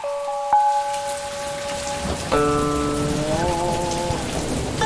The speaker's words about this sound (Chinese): 哎，不好意思，老板，我听外面雨声有点大，咱们备采先暂停。